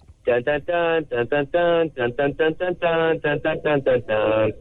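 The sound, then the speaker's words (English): A voice imitates an ocarina playing a Nintendo 64 video game melody: a fairly loud run of short, separate hooting notes with a few longer held tones, performed alone without talk. “Yeah, this would be a creepy thing to say in any other situation, but I taught my mouth to do that in the woods.”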